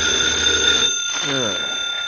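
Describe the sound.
A telephone rings with a steady, piercing electronic tone that holds loudly through the whole moment, while a voice briefly speaks partway through.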